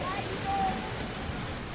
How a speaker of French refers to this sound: On est à Kini, sur la plage. Il fait nuit et on entend beaucoup les petites vagues. C'est trop trop beau.